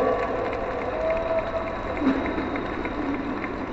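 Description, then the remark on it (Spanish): A crowd in San Luis Potosí claps steadily in applause for Efraín, the director of Conagua, a dense, even wash of many hands applauding, with a few faint voices and cheers mixed in. “Un aplauso también a Efraín, el director de Conagua.”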